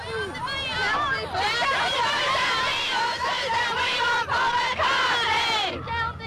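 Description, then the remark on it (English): A large crowd of about 1,000 young fans, standing in the rain in Sydney to welcome a band, chants and cheers together in a loud, sustained, high-pitched chorus, with shrieks and rising calls over a steady roar of voices. “That lusty chorus came from a bevy of young leaders standing out here in the rain.”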